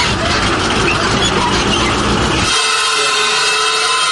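A truck's wheel rim, damaged when the truck hit a pothole, being straightened by machine at a tyre shop: loud, harsh metallic grinding for a couple of seconds, then shifting into a steady, high-pitched whining squeal with ringing tones. No voices.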